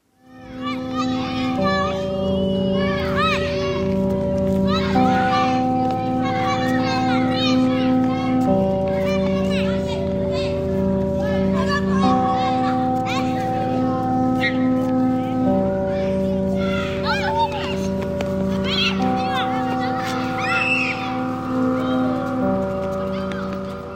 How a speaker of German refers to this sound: Auch das, ne? Höre ich das und denke, ja, es ist Sommer, da hört man ja Kinder irgendwie kreischen, da denkt man an Freibad